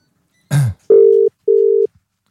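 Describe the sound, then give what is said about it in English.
A brief clatter is followed by two short, steady electronic telephone tones in a double-ring pattern, loud, with no voices, as a call is placed to Turkey. “I'm ringing the Turks.”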